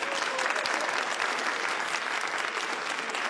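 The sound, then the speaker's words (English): A studio audience at 774 ABC Melbourne claps steadily throughout, a dense, even wash of many hands with no pauses and no voices standing out above it. “a very big round of applause.”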